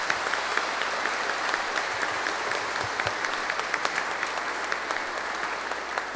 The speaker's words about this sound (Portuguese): Que Deus abençoe esta missão bonita de todos vocês, queridos catequistas. Uma salva de palmas aos nossos catequistas.